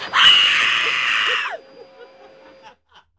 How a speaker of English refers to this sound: Just give me the scream.